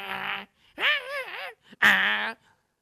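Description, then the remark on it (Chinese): A person's voice imitates a dog whimpering and straining as it pulls at a piece of beef and tugs at the kitchen door, three strained, nasal whines with a wavering pitch, moderately loud, separated by short pauses. “他奔那牛肉一使劲，拽那个门就直动弹，这狗也直哼哼。”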